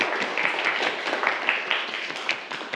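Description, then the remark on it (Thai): A group of students in a class claps for a classmate who answered a question, a steady, dense burst of applause lasting a few seconds, moderately loud with many overlapping hand claps and no talking. “ปรบมือให้กับเพื่อนด้วยครับนักเรียน”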